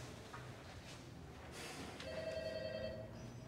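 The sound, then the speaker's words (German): A telephone bell rings in a single bright burst lasting about a second, clear, over a steady low background hum with no talking. “Geht da vielleicht mal jemand ans Telefon?”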